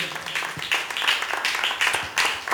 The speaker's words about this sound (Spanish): Si usted cree, hermano, en Cristo Jesús, démosle palmas a él, hermano, porque esta palabra, hermano, es poderosa.